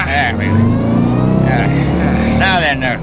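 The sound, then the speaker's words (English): A loaded truck's engine rumbles loudly and steadily, revving up as it pulls away, its low drone filling the whole moment with brief vocal sounds breaking in over the top. “Let's get going then. Oh, boy. Get in the truck.”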